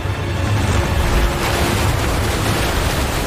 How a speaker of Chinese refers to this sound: 在强大洋流的驱使下，太平洋的寒冷海水猛烈地拍打着费尔南迪纳岛的海岸。